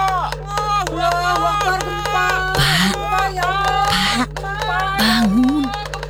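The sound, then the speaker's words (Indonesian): A bamboo slit drum (kentongan) sounds an earthquake alarm in a few sharp, hollow bursts while many people shout "Gempa!" (earthquake) and call out over one another in raised, overlapping voices throughout. “Seperti suara kentongan dan teriakan orang-orang.”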